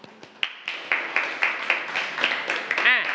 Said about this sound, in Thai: ปรบมือให้กับตัวเองทุกกลุ่มเลยเก่งมาก